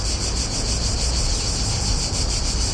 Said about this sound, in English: The recording of the sound of cicadas comes from the Book of Bratislava, published by Coma Press. You can find it there under a QR code. It was recorded by the author Eva Vozárová.